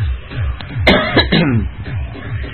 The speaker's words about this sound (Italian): Va bene, non ho febbre, oggi mi sento molto bene, nonostante la voce. Molto bene un cazzo, perché ogni volta che tossisco mi esplodono pezzi di cervello qua e là.